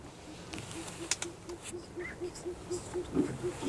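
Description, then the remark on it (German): An owl calls on a full-moon night during a moonlit canoe trip, with a steady series of soft, low hoots repeating evenly about four times a second, faint over a quiet marsh background with scattered small clicks. “Eine Eule ist zu hören.”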